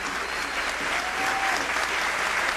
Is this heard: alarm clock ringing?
no